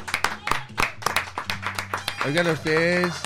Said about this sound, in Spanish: Para quien pide un aplauso bien fuerte, por favor, un aplauso.